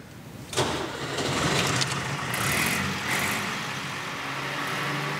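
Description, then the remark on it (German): A Schlüter vintage tractor engine cranks and catches after a brief quiet start, then settles into a loud, steady, rumbling run with a gritty mechanical clatter. “Schlüter hat einen ganz bestimmten Sound, einen ganz bestimmten Motorsound.”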